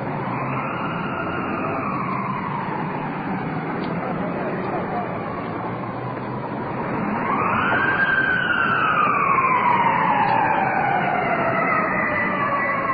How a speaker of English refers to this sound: Ambulance rolling in.